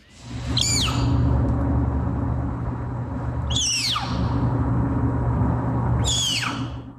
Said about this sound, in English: These are from snow leopards in captivity, so not in the wild. And you're about to hear a snow leopard cub while it's being weighed by veterinarians at the Como Park Zoo and Conservatory in St. Paul, Minnesota.